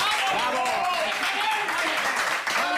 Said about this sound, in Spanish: Amigos e amigas, recibimos cun aplauso como se merece